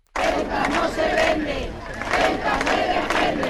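A protest crowd of thousands in Plaza de Cibeles, Madrid, chants slogans in unison such as "Ceuta is not for sale, Ceuta must be defended", many voices shouting together in a loud, steady rhythmic roar that swells and dips across the whole stretch.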